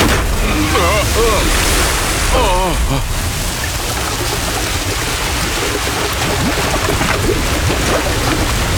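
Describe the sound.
Loud, continuous roar of a violent storm, with wind howling and waves surging; voices briefly speak over the din in the first few seconds.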